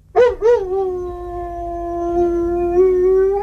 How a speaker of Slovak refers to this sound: Mnohí z nás chovajú svojich psov v paneláku. Podľa niekoho tam vôbec nepatria. Najmä keď spoza steny susedia počujú toto.